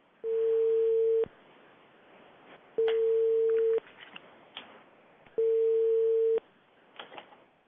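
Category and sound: signal or alarm, telephone dialing tone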